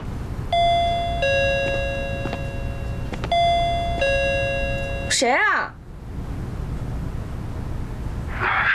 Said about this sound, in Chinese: 二号，就这栋了。你去按个门铃。 你个大男人，让我去按。我不会说话，万一把他惹怒了怎么办啊？行，我按就我按吧，反正要面对。